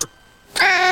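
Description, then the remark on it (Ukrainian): A cat lets out a single loud meow after a brief moment of near silence, the drawn-out cry sustained to the end. No one speaks. “В нову квартиру першим пускають котика.”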